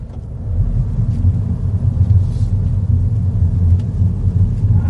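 A small three-cylinder BMW engine in a Mini with an automatic gearbox pulls away, its low, throbby drone rising slightly and then holding steady for several seconds, with no voices over it.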